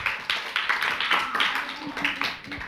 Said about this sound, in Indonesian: Kita beri tepuk tangan.